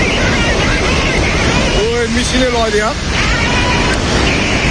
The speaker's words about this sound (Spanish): Fuera de España estamos pendientes de la frontera entre Nepal y China. Hay unas impresionantes riadas.